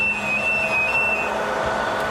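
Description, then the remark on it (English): A loud, steady roar of the machinery of Archer 2, the UK's national supercomputer: dense whooshing fan noise with a low hum underneath and a thin high whine that fades out partway through. No voices. “As we stepped through the door, a wall of noise and heat hit us.”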